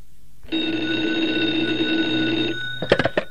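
An old-fashioned telephone bell rings loudly in one sustained two-second burst, then a few quick rattling jangles follow after a brief pause.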